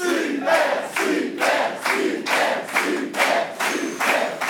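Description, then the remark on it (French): A crowd cheers and shouts in rhythmic bursts, roughly twice a second, like a chant of loud collective cries, in Aveyron. The sound is full and steady throughout, with no single voice standing out. “Toujours une super ambiance en Aveyron.”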